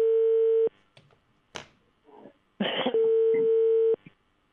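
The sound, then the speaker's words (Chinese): Telephone dialing tones sound loud as a reporter dials the general manager's office of China Construction Second Engineering Bureau, with two long steady beeps separated by a few sharp clicks and brief rustling, and no one speaking. “好，接下来的时间我们的记者马上拨打中建二局总经理办公室的电话，我们看看会不会有人接听，请稍等。”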